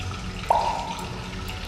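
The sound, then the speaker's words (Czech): The steady rushing water of a swollen stream pours without a break, a full, continuous wash of sound, with a brief higher tone rising out of it midway before the flow carries on unchanged. “Potok, jak vidíte, zmohutněl.”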